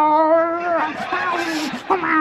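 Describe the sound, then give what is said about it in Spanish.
A voice imitates an angry, rabid cat under a bed, a cat bitten by a dog: a drawn-out, wavering yowl that breaks into harsh, raspy growls and hisses, loud, lasting a couple of seconds with no talking. “Dice, no, debajo de la cama no, que hay el gato que la mordió el perro y también está rabioso y se oye debajo de la cama.”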